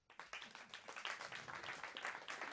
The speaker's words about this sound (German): Super, ich muss sagen, der Applaus war auch motiviert.